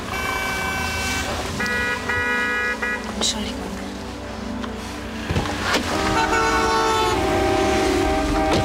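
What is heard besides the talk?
several car horns honking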